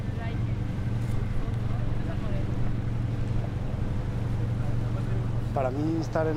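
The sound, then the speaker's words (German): A boat's steady low engine drone and rushing water noise fill the scene as it tours the sea around the island of Formentera, with wind buffeting the microphone and a voice briefly heard near the end. “Mit Carlos und Miriam auf Bootstour, das ist ein ganz besonderes Lebensgefühl.”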